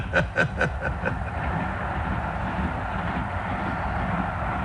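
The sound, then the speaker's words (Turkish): Train wheels clack over the rails in a quick rhythmic burst of about five beats, then settle into a steady, loud rumble of the moving carriage with no voices. “Yine aynı tekerlek tıkırtıları, sarsılan kompartımanlar.”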